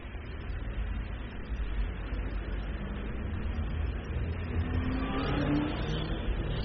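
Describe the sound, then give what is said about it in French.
Traffic pulls away from a stop at a green light, a steady wash of car engines building as vehicles accelerate and rev, among them a yellow Volkswagen, a furniture-removal truck, a fresh-goods transport truck and a number 70 bus bound for the Hôtel de Ville, with a low rumble throughout and a rising engine tone near the end. “une Volkswagen jaune, un camion mobilier international, un camion frais rapide transport, un autobus 70 qui va à l'hôtel de ville, publicité pour …, plein de voitures,”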